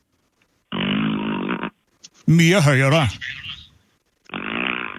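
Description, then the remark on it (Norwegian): A voice makes a long, buzzing fart imitation, then a brief spoken remark, and another drawn-out raspberry fart sound follows at the end. Fairly loud. “Ja, du må lage den ganske høyt prøv, en lang prompelyd ned der.”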